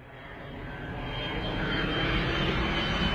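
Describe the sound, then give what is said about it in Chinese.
Steady, enveloping airplane engine drone heard from inside the cabin on a flight back to Shenyang, a broad low roar that swells gradually louder over a few seconds, with no voices. “回沈阳的飞机上”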